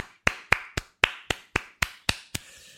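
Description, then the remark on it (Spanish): Nine sharp, loud hand claps in a steady, even rhythm, like one person applauding alone, with a soft hiss of noise lingering after the last clap. “Un aplauso.”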